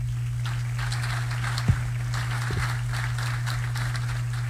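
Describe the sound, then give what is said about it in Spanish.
Steady crowd applause welcoming Miguel Torres, a dense crackle of many hands clapping at once, holding at an even moderate level over a low electrical hum, with no one speaking. “Asimismo, extendemos ese aplauso para darle la bienvenida a nuestro querido amigo Miguel Torres.”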